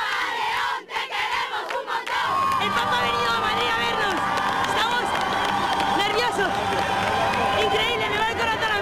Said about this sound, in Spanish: La acogida ya se sentía en el corazón de la capital, donde el pontífice saludó a los fieles que a su paso ondeaban banderas, pañuelos blancos y cantaban al unísono.